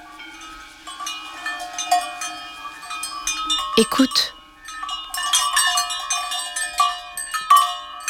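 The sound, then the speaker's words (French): Many cowbells hung on the necks of a grazing herd of cows on a mountain clank and ring unevenly, overlapping metallic tones filling the scene, with a brief spoken word near the start. “Ce sont les cloches attachées au cou des vaches.”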